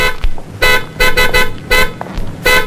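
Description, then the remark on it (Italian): A very sensitive car horn, set off by an elbow lightly touching it, honks in a series of short, loud blasts, several quick toots in an uneven rhythm, with no talking. “È un clacson sensibilissimo. Basta toccarlo, vede? Anche col gomito.”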